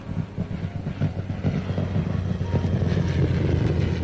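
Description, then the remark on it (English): A Spitfire's piston engine drones with a deep, rough roar, growing steadily louder as the plane approaches and sweeps past overhead, with no voices. “That boy sure can't handle a plane. Here he comes back again.”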